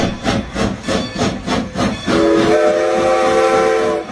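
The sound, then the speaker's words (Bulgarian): A steam train chuffs in a quick, regular rhythm for a couple of seconds, then a loud, sustained whistle blows steadily over the rumbling engine. No voices can be heard. “Шумът на влаковете, гласовете на пътниците, забързаното ежедневие на гарата.”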